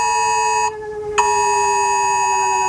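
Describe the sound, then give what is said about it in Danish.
A Danish civil defense warning siren test on the first Wednesday in May, sounding from rooftop sirens and millions of phones: a loud, steady, piercing alarm tone that holds one pitch, its harsh upper edge briefly thinning before returning full strength. No voices. “Ringer i de her minutter fra sirener på hustage og fra millioner af telefoner, som de fleste af os har lige ved hånden, der lyder det sådan her.”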